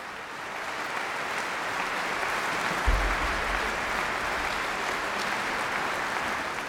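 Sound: enthusiastic concert audience applause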